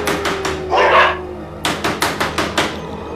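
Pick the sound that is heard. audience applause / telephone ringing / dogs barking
dogs barking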